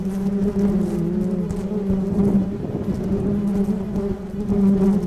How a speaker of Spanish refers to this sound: Él clasifica enjambres, revisa si las abejas son agresivas o no.